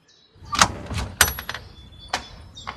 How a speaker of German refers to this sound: bitte öffne die Tür. Wir wissen genau, dass du da bist.